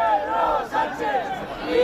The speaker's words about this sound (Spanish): Abucheos estos insultos contra Pedro Sánchez